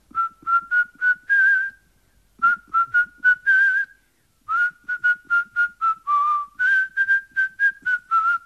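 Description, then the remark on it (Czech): A person whistles a signal, clear and fairly loud: three bursts of quick, rhythmic repeated notes separated by short pauses, with no talking. “Leda, že by si zaskočil do vsi, co leží za vrchem Šiberákem, našel tam Ševcovic chalupu, postavil se na zahradu a zapískal.”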